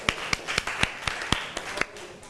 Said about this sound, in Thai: ขอเสียงปรบมือให้เพื่อนอีกครั้งค่ะ